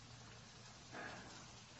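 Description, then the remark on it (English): Steady rain falls in a continuous soft hiss, fairly quiet and even, with a brief slightly louder patch of spatter partway through. No voices are present. “When this rain stops, I'll tell you what I can see.”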